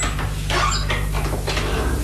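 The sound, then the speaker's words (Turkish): The unlocked door of a house creaks open in a few short scraping, squeaky bursts over a steady low hum, moderately loud, with no one speaking. “Ama yani kapının açık olduğunu mu söylemek istiyorsun? Pekala, bir deneyelim bakalım.”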